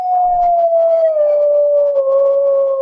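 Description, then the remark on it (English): Coyotes howling in a long, steady, slowly falling wail, with fainter overlapping howls and yips layered behind it, loud and continuous for about three seconds. “And those are coyotes.”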